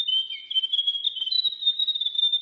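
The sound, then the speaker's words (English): A grey warbler sings a sustained, high, thin trill that wavers up and down in pitch, a continuous sweet warbling phrase heard alone. “The Diddle Diddle. The Grey Warbler.”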